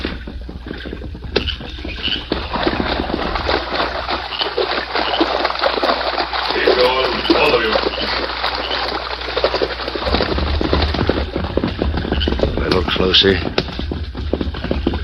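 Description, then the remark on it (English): Horses splash steadily through a creek, a loud, continuous churning of water and sloshing hooves that stays dense throughout, with a low rumble underneath and faint indistinct voices mixed in. “They're almost to the creek.”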